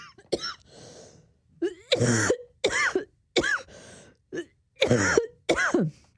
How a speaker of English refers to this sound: Sorry, I am going to have to cough again. I do apologise.